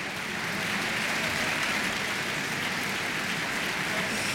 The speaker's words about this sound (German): Jetzt ist gerade noch mal das gesamte Ensemble hier auf die Bühne gekommen in der Kölner Philharmonie, nimmt den Beifall entgegen. Ein großartiger Abend geht zu Ende.